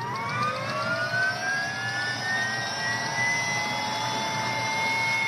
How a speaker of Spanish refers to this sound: Y ahí un helicóptero está a punto de despegar.